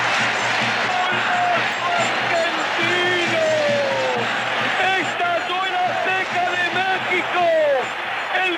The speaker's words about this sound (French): suivi 3 minutes plus tard du but du siècle, 60 mètres de terrain remontés en moins de 10 secondes, les jambes en feu, dernier crochet, le ballon glisse sous le bras du gardien, la foule exulte comme à la corrida, le mondial à son roi.